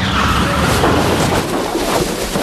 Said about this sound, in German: Oh, Maya, was war das denn? Ein Auto. Es ist hinter uns hergefahren. Und in den Heuwagen gekracht. Meine Güte, das ganze Heu ist auf das Auto gerutscht.